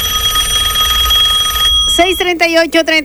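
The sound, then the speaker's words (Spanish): A telephone rings with a steady electronic tone for about a second and a half, fairly loud, an incoming call on a call-in phone line, then a voice starts talking as the ringing stops. “Vamos a esperar, tenemos llamada.”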